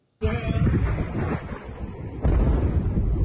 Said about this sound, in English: An intense wave of US strikes hitting a wide range of targets across Iran. East of the country, multiple explosions in Chabahar.